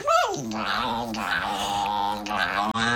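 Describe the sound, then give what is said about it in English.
A small dog growls as a woman tries to cut its nails, a steady, raspy snarl with a sharp rise at the start that holds for about three seconds without a break. “It's the ugliest dog I've ever seen.”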